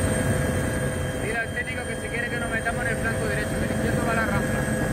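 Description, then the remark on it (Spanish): Steady, loud helicopter engine and rotor drone recorded aboard a firefighting helicopter working a wildfire at El Romeral, Santa Fe de Mondújar, Almería, Spain, with brief stretches of someone talking over the noise. “Así sonaba el trabajo desde los helicópteros.”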